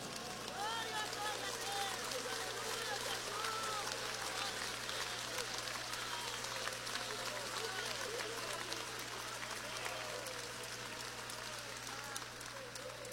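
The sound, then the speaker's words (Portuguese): A large crowd claps and cheers continuously, many voices shouting and calling out over dense, steady applause without a break, with a faint electrical hum underneath. “Só os que estão preparados vai levantar as mãos, vai dar um glória e vai dar uma salva de palmas bem bonita para ele.”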